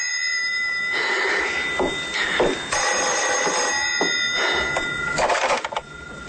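A telephone rings steadily and loudly with a bright, sustained electronic trill, layered over bursts of rustling, clattering noise, with no one speaking.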